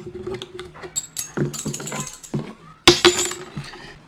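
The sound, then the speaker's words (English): Three coins rattle and clink together in a cupped space, shaken for divination in several short bursts with brief pauses, ending in a louder sharp clatter. Fairly loud, with no talking. “So you for the coins you shake it 6 times, and for the sticks you do that 72 times.”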